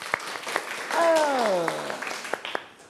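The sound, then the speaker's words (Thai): A burst of applause in a class after picture 1 is revealed as the correct answer in a Thai dance terminology quiz, with a steady wash of clapping and a few sharper individual claps standing out; midway a voice calls out with a falling pitch over it. “ภาพใดเป็นภาพนาฏยศัพท์มาเฉลยกันเนาะภาพที่1ถูกไหมถูกต้องปรบมือ”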